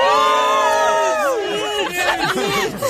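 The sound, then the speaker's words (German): A crowd of fans waiting in line at a concert, asked how the mood is, lets out a loud, sustained cheering "hoo," many voices overlapping in rising and falling pitches, breaking into scattered whoops and shouts toward the end. “Also ich glaube, da gab es ein solides Hu. Ich hoffe, man hat es gehört.”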